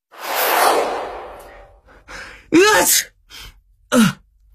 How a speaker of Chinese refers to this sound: 唐三打了一个喷嚏，揉了揉自己的鼻子。